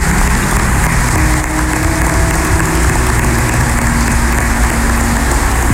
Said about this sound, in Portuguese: Então eles merecem uma salva de palmas. Nosso muito obrigado.